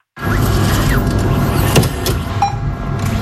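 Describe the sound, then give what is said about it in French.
The banknote dispenser at the La Poste office in Vialas, Lozère, dispensing banknotes: a steady, fairly loud mechanical whirring and rattling runs for about three seconds, with a few brief clicks and a short tonal beep near the end, and no voices. “Ce bruit ne résonnera plus une bonne partie de l'été à Vialas. À cause du bureau de La Poste, le guichet comme le distributeur de billets que vous venez d'entendre”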